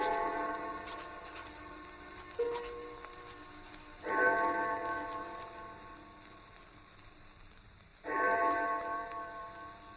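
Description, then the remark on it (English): The distant clock of St. Jude's church strikes four o'clock slowly, each deep, resonant toll ringing out and fading before the next, spaced roughly four seconds apart with no one speaking. “I had no idea how long I worked until I heard the clock of St. Jude's in the distance.”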